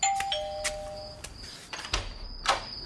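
An apartment doorbell rings with sustained electronic tones, a lower one fading out and a high one lingering, while several sharp clicks and bumps punctuate it. No one speaks.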